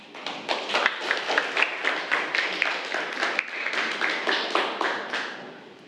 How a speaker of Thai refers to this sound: ขอเสียงปรบมือให้กับ